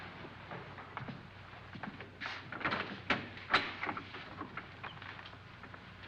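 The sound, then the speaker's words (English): Doors are opened one after another, with a few scraping, rattling bursts clustered in the middle over a faint steady background hum. No one speaks. “Boy, I've never seen so many doors.”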